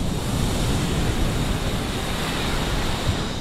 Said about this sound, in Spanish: Bueno, pues vamos a escuchar el sonido de las olas de este mar embravecido hoy, en la costa tropical.